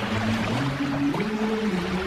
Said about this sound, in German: Wir machen jetzt einen Ausflug nach Italien. Sie hören ja hier schon die italienischen Wellen.